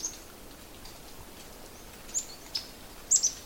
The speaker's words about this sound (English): I hear the little chip of a yellow-rumped warbler. But they are all business. They're feeding in the leaves and picking stuff off.